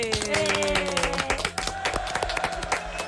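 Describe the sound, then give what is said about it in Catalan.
Loud, dense applause from many hands clapping continuously for a few seconds at the end of a youth contest final, with sustained tones or music running underneath the clapping. “Fort aplaudiment.”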